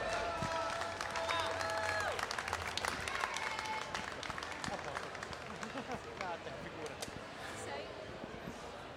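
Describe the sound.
An audience applauds steadily for the full nine seconds, a dense crackle of many hands clapping, with a few whistled tones and murmured voices mixed in near the start.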